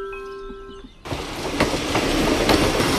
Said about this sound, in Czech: Na nádraží v Pacově, jehož historická budova září sitě oranžovou barvou, právě přijíždí vlak.